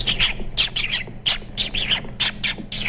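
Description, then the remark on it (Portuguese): A voice imitates a dolphin's call with a series of about eight high, squeaky chirping bursts in quick, uneven rhythm, fairly loud over a low steady hum. “Golfinho é como?”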